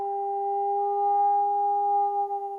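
A steady electronic sonar tone of sound waves sent down from a boat above the Challenger Deep to measure the ocean's depth. It holds one even pitch with a faint higher overtone for about two and a half seconds, wavering slightly as it ends. No voices.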